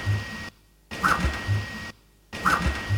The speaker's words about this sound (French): Bon, ça, je tiens à dire que j'adore, c'est un truc fou. C'est les imprimantes laser qui travaillent et elles ont tendance à produire presque des notes. Du coup, elles chantent. Et en plus, elles peuvent être rythmiques ou simplement chanter